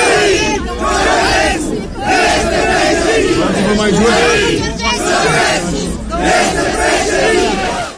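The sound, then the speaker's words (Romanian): A large crowd chants a slogan in unison, loud rhythmic shouted phrases repeating in waves with brief dips between them, a dense roar of many voices throughout. “Într-o realitate paralelă, oamenii strigă Georgescu este președinte la ei.”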